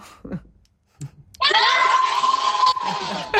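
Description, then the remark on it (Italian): A loud, sustained burst of many voices yelling together, a group of people shouting a greeting on request, starting abruptly after a few brief murmurs and holding for about two seconds. “Ciao, fate un grido.”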